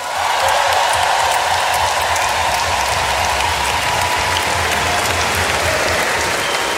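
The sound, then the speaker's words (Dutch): An audience in a marquee applauds the conductor and his orchestra, a dense, even wash of clapping that stays loud and unbroken for several seconds with no voices on top. “Uw applaus voor ….”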